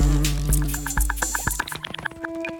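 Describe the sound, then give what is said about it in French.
Loud buzzing of wasps from a single nest of about 10,000 wasps, the nest the size of a soccer ball, a dense droning hum with rapid pulsing flutter, thinning out toward the end into scattered higher buzzes. No one speaks. “10 000 guêpes dans un seul nid de la taille d'un ballon de football.”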